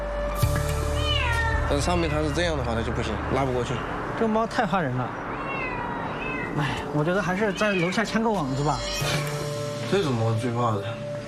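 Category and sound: animal, frightened cat meowing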